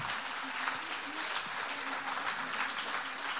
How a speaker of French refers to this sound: Les agriculteurs, eux, et je le dis avec fierté en face du stand de la Confédération paysanne, subissent à la fois, on peut les applaudir nos voisins, parce que le hasard fait bien les choses.